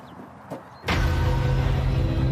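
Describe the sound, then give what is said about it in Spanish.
A hydraulic rescue cutter starts up after a brief quiet moment, kicking in abruptly with a loud, steady mechanical whir and low motor hum that holds at full strength. “Nunca nos da problemas cuando necesitamos abrir un coche.”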